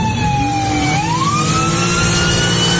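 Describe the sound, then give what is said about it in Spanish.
A loud ambulance siren wails steadily, its pitch sliding upward partway through, over a heavy, continuous engine rumble from the ambulance, which has lost a tire and can no longer move forward. No one speaks. “Aquí el momento en que esta ambulancia, ya sin una llanta, ya no puede avanzar, y el motociclista le pide que descienda a este conductor.”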